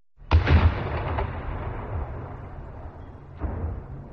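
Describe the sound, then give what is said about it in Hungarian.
The cannons at Gellért fire a heavy boom that rolls into a long, fading rumble, followed a few seconds later by a second, softer boom, signalling that the ice on the Danube is starting to move. No voices are heard. “A gellérti ágyúk dördülései a jég megindulását jelzik.”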